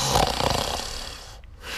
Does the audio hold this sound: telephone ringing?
no